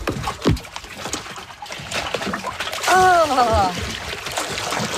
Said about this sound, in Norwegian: Vi kjenner litt på vannet. Det kjennes jo helt nydelig ut da. Da går jeg uti.